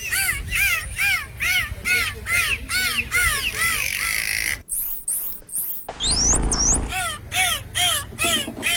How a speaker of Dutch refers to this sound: Dolfijnen zien er met hun glimlach altijd vrolijk uit en zo klinken ook hun fluitjes, klikjes en piepjes.